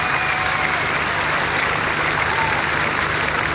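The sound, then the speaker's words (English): A festival crowd applauds for a bass guitarist in a steady, dense wash of clapping that stays loud and even for a few seconds, with no clear voices standing out. “Put your hands together for Mr. … right here.”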